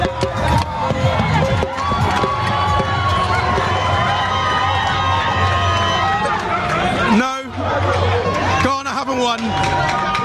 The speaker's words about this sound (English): These guys have been screaming all game and they are delighted.